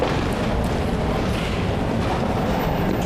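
An electric tram rumbles steadily along its rails, with continuous low wheel noise and faint rattling from the carriage, fairly loud throughout, with no voices.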